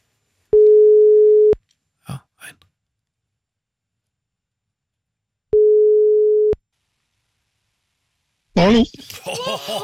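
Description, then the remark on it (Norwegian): A telephone ringback tone sounds twice as a call is placed, each a steady one-second hum separated by a long pause, with a couple of soft clicks between; someone starts talking near the end. “Ja, det ringte bare en gang her, men greit nok.”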